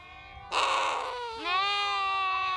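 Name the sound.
lambs bleating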